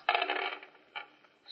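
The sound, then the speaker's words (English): Dice clatter across a backgammon board in a quick rattle, followed by a couple of softer clicks as they settle; the dice are rolled hoping for a 6-5 combination and come up 6-5. “Well, wait until the district attorney hears about the district attorney and his crooked dice.”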